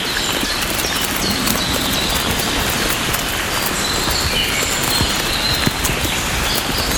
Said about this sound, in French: Nous marchons. Nous marchons. Bercés par cette fine pluie.